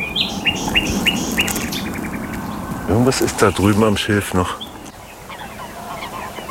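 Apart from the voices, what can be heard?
birds calling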